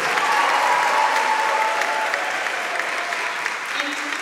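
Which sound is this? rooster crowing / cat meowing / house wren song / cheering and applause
cheering and applause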